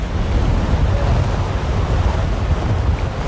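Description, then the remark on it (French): Strong wind gusts roar steadily across the microphone by the sea, a dense, continuous rumble with the wash of surf blended underneath and no voices. “Il y a beaucoup de vent, hein? Oui, il y a du vent.”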